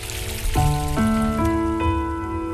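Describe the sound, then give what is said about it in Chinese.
Steady babbling, flowing water forms a continuous hiss while sustained melodic notes play over it, stepping to a new pitch roughly every half second. “伴随着潺潺的流水声，我们继续来看一看古人究竟都还爱用什么样的水来泡茶呢？”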